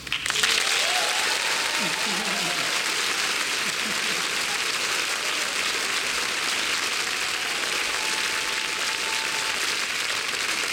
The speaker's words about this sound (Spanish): Y también quiero que le demos un fuerte aplauso a un gran amigo, un gran productor, un gran músico, un gran colega de Puerto Rico